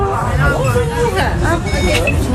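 A busy crowd murmurs at the entrance of the Foire Comtoise 2026 fair in Besançon as the first visitors' tickets are scanned, with many overlapping voices talking in a steady, loud hubbub and no pause in the noise.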